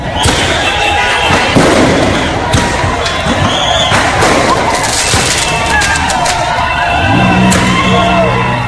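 Firecrackers burst in quick, irregular volleys of sharp cracks and pops, loud, over a noisy outdoor crowd with scattered shouts and whoops throughout, as fans gathered before the Shivaji statue in Hubli, Karnataka, celebrate Royal Challengers Bengaluru winning the IPL trophy.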